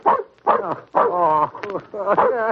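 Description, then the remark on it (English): An old dog named Wolf barks four times in a steady series, each bark loud and tonal with a slight whining pitch slide, separated by short pauses. “Why, my very dog has forgotten me.”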